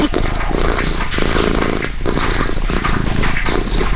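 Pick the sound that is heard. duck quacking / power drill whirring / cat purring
cat purring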